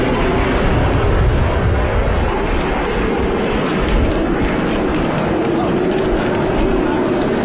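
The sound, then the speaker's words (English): Two training aircraft, a Phenom and a Texan from RAF Cranwell and RAF Valley, fly past in fine weather, not too windy and with no rain, their loud, steady engine roar filling the whole stretch without letting up, with indistinct voices beneath the noise. “It's a Phenom and a Texan from RAF Cranwell and RAF Valley.”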